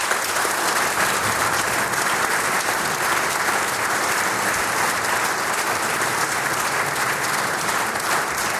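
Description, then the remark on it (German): Sustained audience applause on a radio broadcast, given as a greeting to someone at home, a dense steady patter of many hands clapping at even loudness throughout, with no voices rising above it. “Ich glaube, wir schicken ihm, auch wenn er dann schon wieder zu Hause ist, per Radio einen netten Gruß mittels Applaus nach Hause.”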